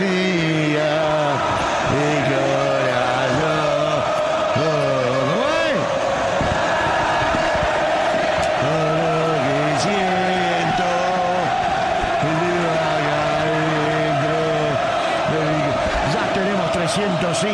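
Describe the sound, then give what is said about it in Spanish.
A large stadium crowd of Boca football fans chants and sings in unison during a match against Central Córdoba, a loud, sustained melodic chant rising and falling in repeated phrases over a dense roar of voices. “Combina con Maciel, como es, lo de los hinchas de Boca, escuchá.”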